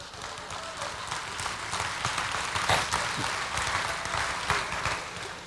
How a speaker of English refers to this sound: Oh, you clapping because I'm done?